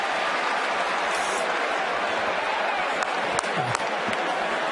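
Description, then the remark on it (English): A packed stadium crowd at a football game roars steadily and loudly on a third-and-goal play, a dense wall of cheering and yelling that never lets up, with a few sharper shouts and whistles poking through near the end. “Assist to the crowd. It's noisy down here.”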